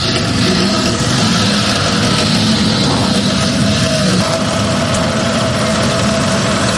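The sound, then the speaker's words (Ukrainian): A Ukrainian Volya-E unmanned ground robotic vehicle, built for logistics and evacuation and used by a remote mining unit of the 71st brigade, runs its engine steadily: a loud, continuous low rumble with a mechanical whir layered on top, unbroken for the whole stretch and with no voices. “«Воля-Є» – український наземний роботизований комплекс. Цей НРК створили для логістики та евакуації, але сапери вже адаптували його під власні бойові потреби.”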